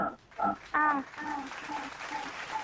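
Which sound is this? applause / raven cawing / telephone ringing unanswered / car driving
applause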